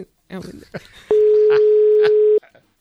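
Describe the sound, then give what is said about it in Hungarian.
A steady, loud telephone dial tone holds for just over a second as a call is placed, with people talking briefly before it and short bursts of voices overlapping it. “fogjuk fölhívni most.”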